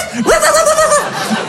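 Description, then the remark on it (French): A person imitates a dog with a single drawn-out vocal bark, fairly loud, sliding up into a held, slightly strained tone before cutting off, followed by a brief quiet breathy sound. “Et j'ai aboyé.”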